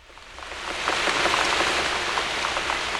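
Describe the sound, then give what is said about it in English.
Steady rain hisses, swelling in over the first second, with scattered sharp drips and small watery splashes pattering throughout as someone in rubber boots jumps through puddles down a street; no voices. “This is the sound I make as I jump through the puddles and down the street, as my rubber boots keep the rain from my feet.”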